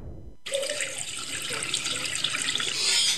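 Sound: water running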